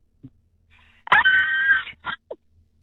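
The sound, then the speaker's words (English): A person out late-night shopping for paint gives a single loud, shrill Hollywood horror-movie scream held for nearly a second, then a couple of short, breathy vocal bursts trailing off into quiet. “Okay, well, give me your best Hollywood horror scream in Spotlight for everyone to hear.”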